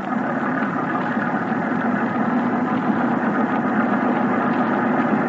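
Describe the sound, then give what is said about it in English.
A motor torpedo boat's engine idles with a steady, dense rumble that holds at an even loudness throughout, continuous, with no voices. “It could be a Thornycroft MTB. A little small, though. Ahoy! Motor boat!”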